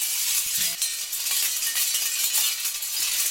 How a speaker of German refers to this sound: Blechstreifen bewegen sich im Wind und machen Krach.